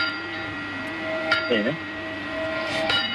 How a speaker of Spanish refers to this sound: Granja de la Costera, un pueblo de Valencia de 300 habitantes, vota hoy para recuperar el sonido por la noche de las campanas que dan la hora y que dejaron de hacerlo por la denuncia de un vecino.